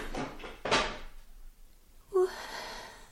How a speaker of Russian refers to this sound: Что там за шум? Какой шум? Там кто-то стул опрокинул.